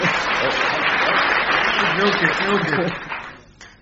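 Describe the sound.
An audience breaks into a steady, dense wash of applause mixed with cheers and voices, holding loud for about three seconds before quickly fading away.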